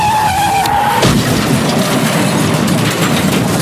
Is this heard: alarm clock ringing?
no